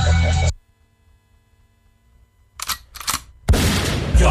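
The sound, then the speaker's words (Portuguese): After a near-silent stretch with a low hum, a few sharp gunshot-like bursts crack out in quick succession, then a loud, sustained burst of noise takes over. “E o tiro de doce você não deu, hein?”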